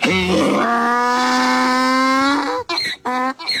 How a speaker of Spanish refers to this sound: Ahí está el sonido del burro. Bueno, Día Internacional del Burro.